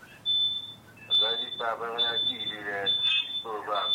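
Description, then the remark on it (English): Television sound bleeds through a phone line, thin and tinny: a voice talks in bursts while a steady high-pitched tone whines almost continuously underneath. “But your TV is coming through the phone.”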